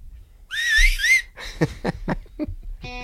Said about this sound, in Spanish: A ver. El silbido.